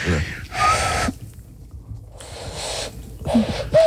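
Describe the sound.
Someone blows into cupped hands, making several breathy, airy bursts with only brief hooting tones breaking through: a rough human imitation of a dove's call.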